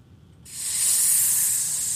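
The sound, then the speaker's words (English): A snake's sharp, sustained hiss starts abruptly after a brief quiet moment and continues steadily, fairly loud, with no voices present. “What do you do when a massive snake slithers into your car?”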